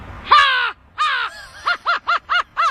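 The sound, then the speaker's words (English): A 12-year-old boy imitates an American crow's harsh cawing: two long drawn-out caws, then a quick run of four short, clipped caws in a steady rhythm, loud. “American crow.”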